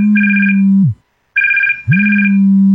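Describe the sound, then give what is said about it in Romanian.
A telephone rings in loud, steady electronic bursts, two long rings separated by a brief silence, then a third beginning, clear with no voices. “Dacă sunteți telefonați de persoane necunoscute care vă anunță că o rudă apropiată dumneavoastră a fost implicată într-un accident rutier, iar pentru a o scăpa de pedeapsă vi se cer bani, întrerupeți imediat”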